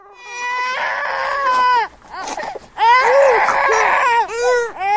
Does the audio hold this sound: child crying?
yes